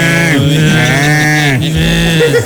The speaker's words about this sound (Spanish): Vaca este.